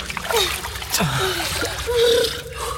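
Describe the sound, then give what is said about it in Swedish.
Continuous splashing and sloshing of water as someone swims hard to get across, with a few short strained vocal sounds mixed in. “Vi måste simma. Simma, skorpan. Fortsätt bara. Fortsätt simma.”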